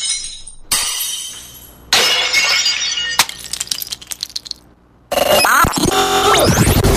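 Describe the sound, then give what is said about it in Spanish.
Dishes smash one after another, about five loud crashes with bright ringing shards and scattered tinkling fragments between them, and no voices. “Nada, voy a seguir aquí con los platos.”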